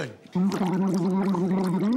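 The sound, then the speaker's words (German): A person gargles in one sustained, wavering, bubbly vocal tone after a brief quiet start, holding it steadily loud for nearly two seconds with no speech. “Soll ich die Filmmusik summen? Gurgeln.”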